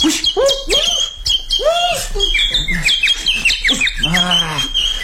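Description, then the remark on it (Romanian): A bird chirps busily for the whole stretch, rapid tweets and rising-falling calls tumbling over one another with barely a pause, loud and bright. “Ce hoț umană pasăre. Când se lasă gata să pun mâna pe ea, când zboară ca o săgeată.”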